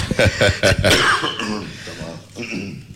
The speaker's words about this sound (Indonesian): Saya minta maaf batuk.